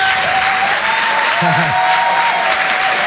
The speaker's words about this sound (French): Rire et Chanson. Tout le monde applaudir très fort, s'il vous plaît.